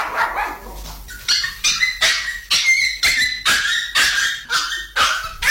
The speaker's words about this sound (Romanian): Nu vă supărați, dar n-ați vrea să vindeți câinele? Cum să vindeți? De câte ori încep eu să cânt, începe și el să urle îngrozitor.